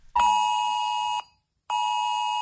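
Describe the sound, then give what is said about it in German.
A mobile phone emergency alert tone, going off on phones at 11 o'clock, blares loud: a steady, piercing electronic tone held for about a second, a brief gap, then the tone starting again. “Okay, und natürlich nicht erschrecken, auch unsere Handys springen an um 11 Uhr. Das klingt dann so.”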